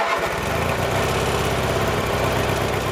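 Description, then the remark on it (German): A ride-on lawn mower engine at a building site on the island of Saaremaa, Estonia, catches with a short burst and then runs steadily, a loud buzzing drone with a rapid mechanical throb that continues without pause. “Bis dahin ist noch viel zu tun und deshalb schwingt sich Priet jetzt wieder auf seinen Rasenmäher und macht weiter.”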